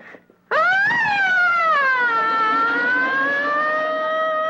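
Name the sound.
fire engine siren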